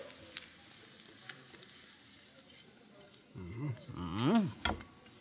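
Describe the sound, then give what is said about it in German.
Onions and marjoram sizzle in a frying pan with a steady, soft crackling hiss as they brown well, joined midway by a person talking over the frying. “Das ist gut gebräunt. Sehr schön gebräunt. Die Pfanne brauchen wir nicht mehr.”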